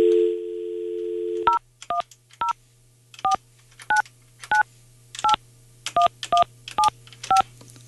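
A steady dial tone hums for a second and a half, then gives way to a quick series of about eleven sharp touch-tone beeps in irregular bursts, clear and close, with no talking.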